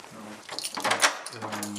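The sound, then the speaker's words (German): An office door slides and bumps shut, a short scraping rush ending in a soft thud, with faint murmuring voices in the background. “Schließen die Tür.”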